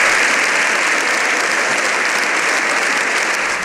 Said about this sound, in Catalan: I en acabar, el Congrés ha acomiadat el Papa amb una ovació de 7 minuts.